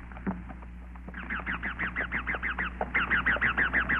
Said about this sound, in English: First past the cane fields, then upward through a forest of bamboo and giant tree ferns. Overhead, wild parrots screeched.